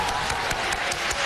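Steady audience applause, a dense wash of many hands clapping at an even level with faint rhythmic surges, and no voices on top.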